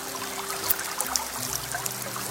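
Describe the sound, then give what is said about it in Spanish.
Water trickles steadily from a fountain in a cave, a soft continuous babble with small bright splashes, fairly quiet, with a faint low sustained hum underneath and no voices. “Te sientas allí al lado de la fuente y sientes tanta paz.”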